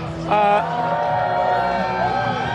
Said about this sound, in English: We've got bands playing all day. And if you walk with me a little bit, you'll see we got a big crowd here.